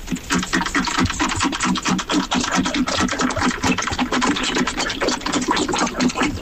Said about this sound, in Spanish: Claro, yo ahora solo escucho al perro bebiendo agua. Claro, yo ahora ya solo escucho al perro bebiendo agua.